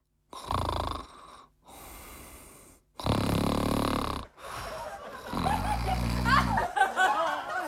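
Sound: loud snoring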